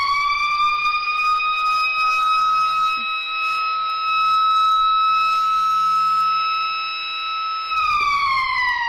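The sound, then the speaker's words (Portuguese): A school bell sounds as one long, loud, steady electronic tone, high and buzzy, holding for about eight seconds before dipping slightly and cutting off. No one speaks. “Eita, tocou o sino da escola.”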